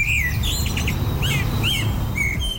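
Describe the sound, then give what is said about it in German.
A common blackbird sings a series of clear, fluting whistles and warbled phrases over a steady low rumble of background noise. No one speaks. “Die Amsel ist also die Nummer 1 Zwitschervogel.”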